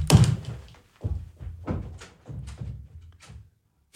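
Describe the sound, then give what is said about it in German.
A studio door is slammed shut by someone who has run out of the studio, followed by a string of heavy wooden thuds and knocks spaced over a few seconds, with no talking. “hat die Kopfhörer weggeschmissen, aus dem Studio rausgelaufen und hat die Tür zugeschmissen.”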